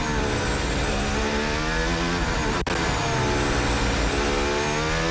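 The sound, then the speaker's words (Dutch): A loud, continuous high-revving Formula 1 engine heard onboard, reportedly Hadjar's car during qualifying as it passes Lawson, its pitch sweeping down then climbing again around a brief gearshift dip, with a steady roar throughout. “We zijn overigens aan boord, volgens mij bij Hadjar.”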